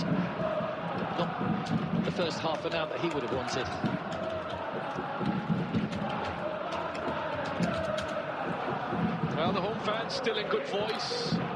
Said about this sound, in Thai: แต่ว่าแฟนๆสิงคโปร์นี่ยังร้องเพลงกันสนั่นหวั่นไหวนะครับ